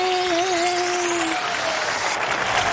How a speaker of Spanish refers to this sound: ¡Aplausos!